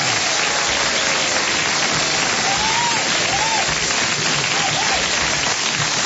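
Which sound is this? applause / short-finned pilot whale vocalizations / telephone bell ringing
applause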